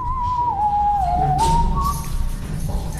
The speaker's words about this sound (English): In fact, on his 3rd day in the country, he almost got kicked out of his hotel for whistling in the stairwell.